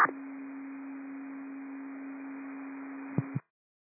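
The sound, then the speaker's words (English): Radio dispatch cancellation tones telling units to stand down from a call at the Fairhaven Apartments, District 6: a steady low electronic tone held for about three seconds over hissy radio static, ending in two quick short blips before cutting off. No voices. “These are cancellation tones.”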